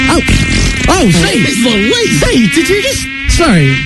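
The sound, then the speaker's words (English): A loud mosquito-like whine from a brand new species of Brazilian mosquito, let out of a container, drones steadily for several seconds, its pitch swooping and warbling up and down in an odd, almost melodic way, with no one speaking. “I've never heard a mosquito like that.”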